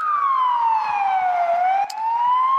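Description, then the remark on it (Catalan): A loud police siren wails steadily, its pitch sliding slowly down and then climbing back up, with a brief dip partway through and no voices. “Unes sirenes de policia van inundar l'ambient, cridant l'atenció de tots els concursants.”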